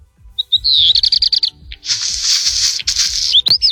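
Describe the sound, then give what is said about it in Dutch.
A songbird with red on the underside of its feathers sings. It opens with a rapid run of clear whistled notes that gives way to harsh, crackling, crumpling bursts like rattling pebbles, ending in a few thin whistles. “Dat is zo'n knisperend geluid dat hij maakt.”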